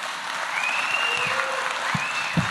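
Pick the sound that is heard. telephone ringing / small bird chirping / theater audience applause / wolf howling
theater audience applause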